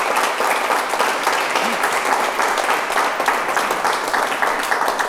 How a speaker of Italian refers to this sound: Facciamo un applauso